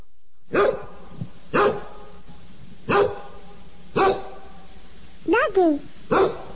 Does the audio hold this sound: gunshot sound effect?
no